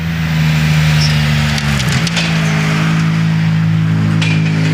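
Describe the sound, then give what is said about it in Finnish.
Elfyn Evans's rally car engine drones steadily while a burst of crunching, splintering impacts hits midway as the car crashes and rolls over several times, with another scrape near the end; no voices. “Ja nyt kun saatiin tänne studioonkin video tuosta Elfyn Evansin kaadosta, niin siinä mennään ympäri monta kertaa. Autosta jää tuskin mitään jäljelle ja siitä vaan auto ojasta ylös ja ei muuta kuin etiäpäin ja ihan hirveellä vauhdilla.”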